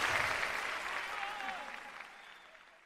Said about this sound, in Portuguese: Vamos aplaudir Jesus pela vida da Chile, gente. Aplaude, gente.